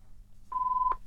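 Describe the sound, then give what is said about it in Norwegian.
A single telephone ring on the line during a bingo number draw: one steady electronic tone lasting about half a second, moderately loud, over a faint low hum, with no voices. “Da ringer det.”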